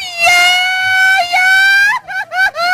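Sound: mariachi yell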